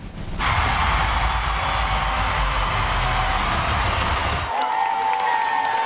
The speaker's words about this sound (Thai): ก็ท่ามกลางเขาบอกว่าเสียงปรบมือดังกึกก้องกันทั่วทั้งหอทีเดียวไปชมภาพบรรยากาศกันครับ